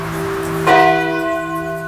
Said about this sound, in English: Live from the old church on Highway 28, ring the bell.